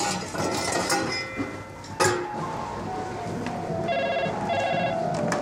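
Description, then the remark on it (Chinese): The telephone of the Sanqiye Hotel (三七叶宾馆) rings in two short bursts near the end, clear, over a busy, rumbling indoor background with a sharp knock partway through. “喂，你好，三七叶宾馆。”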